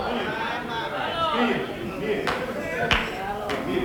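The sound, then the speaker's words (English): A single person claps a few times, slow and sparse, each sharp clap standing out over a steady murmur of voices. “I got one person clapping their hand over that one.”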